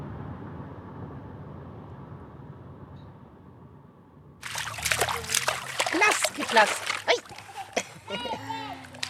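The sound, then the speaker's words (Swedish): After a few seconds of low rumbling background, a child splashes about in water, with a burst of loud, irregular slaps and sloshes and a few brief vocal sounds mixed in. “You want to go in the water? Is it cold?”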